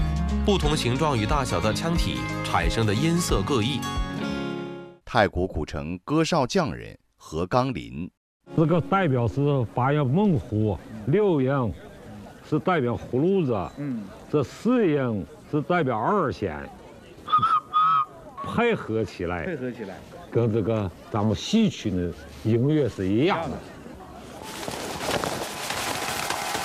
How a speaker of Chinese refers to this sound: 人们精挑细选后，把这个小器物郑重其事地系在鸽子的尾羽上。这种绑在鸽子尾部的发声器物叫做鸽哨。鸽子飞行时，气流穿过哨口，引发腔体内空气的震动与共鸣。